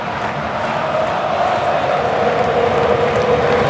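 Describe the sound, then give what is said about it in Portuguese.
A huge crowd of Argentina football fans chants together at AT&T Stadium in Dallas during a World Cup match, a loud, steady roar of many voices holding a sustained sung tone without pause throughout. “Ouça a torcida da Argentina.”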